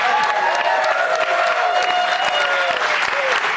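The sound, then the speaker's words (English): A studio audience in New York City claps and cheers loudly and steadily, dense applause filling the room with scattered whoops and shouts rising over it for a few seconds. “You guys, it's such a great crowd. They have been hyped up from the second we picked them up outside the methadone clinic.”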